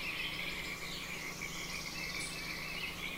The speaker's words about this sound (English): All right, test. How's the level of the birds and the frogs' musical bed?